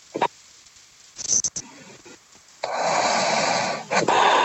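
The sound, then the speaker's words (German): Over a tinny phone line, a caller to a live radio phone-in, who apparently dozed off while waiting, makes a few short snorting breaths. These give way to a long, rough, noisy exhale like snoring, followed by another heavy breath. No one speaks. “Hat die gerade geschnarcht? Ich glaube, die ist eingepennt.”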